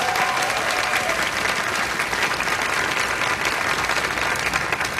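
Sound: audience applause and cheering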